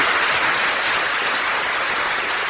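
Steady, dense applause from a crowd for the writer of a poem, a loud crackling wash of many hands clapping at once that holds an even level throughout, with no voices over it.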